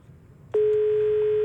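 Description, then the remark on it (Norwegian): A low background rumble gives way to a sudden, steady telephone line tone as a call from northern Norway connects, starting about halfway through and holding at a constant pitch, loud and unbroken to the end. “Vi skal ta inn en telefon til før vi stenger jukeboksen vår i dag, og nå skal vi litt nord i landet, der det visst nok også er god vær.”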